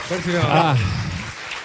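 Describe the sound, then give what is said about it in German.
Audience applause, a steady dense patter of clapping throughout, with a voice calling out loudly over it in the first half before the clapping carries on alone. “Großen Applaus, Lilinette.”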